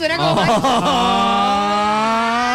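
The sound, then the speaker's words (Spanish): A voice imitates a taxi driver's friendly greeting car horn honk, loud: a couple of quick, wavering beeps followed by one long, steady held tone. “Ese pito de amistad es lindo.”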